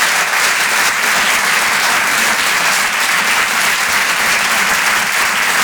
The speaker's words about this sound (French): Merci beaucoup. On peut l'applaudir lui aussi très très fort, s'il vous plaît.